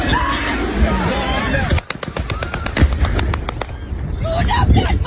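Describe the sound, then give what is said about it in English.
A rapid string of sharp, loud cracks of machine gun fire from local air defence trying to shoot down a drone diving toward a burning shopping centre, roughly a dozen shots over two seconds, with a babble of voices before and after the burst. “You can hear the crack of machine gun fire, but that is unsuccessful.”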